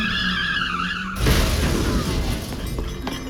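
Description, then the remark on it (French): A car skids with a sharp, wavering tire screech for about a second after its pedal is pressed, then a loud, harsh burst of rough noise takes over and slowly fades, forceful. “J'ai cru que Lionel me parlait de la pédale de la voiture, alors j'ai voulu essayer.”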